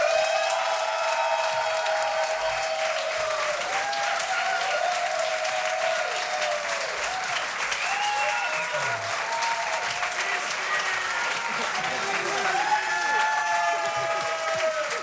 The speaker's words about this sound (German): Bitte Applaus für diese großartige Band.